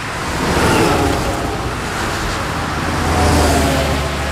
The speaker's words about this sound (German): LKW auf der Autobahn, auch das ein interessanter Bereich für Automation.